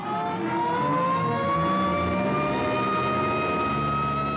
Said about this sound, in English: Hey, here comes an ambulance out.